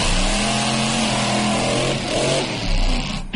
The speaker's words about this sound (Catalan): Aquest és un espectacle que reuneix diversos especialistes del món del motor que protagonitzen, això, exhibicions de conducció extrema amb cotxes i motocicletes espectaculars.